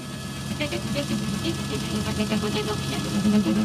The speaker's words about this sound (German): 4 Hubschrauber heben ab und 500 Zuschauer auf dem Flugplatz Schönhagen bei Trebin lauschen. Aber sie lauschen nicht etwa den Hubschraubern, sondern den 4 Streichern im Inneren der Maschinen über Kopfhörer und Livestream. Und das klingt dann so.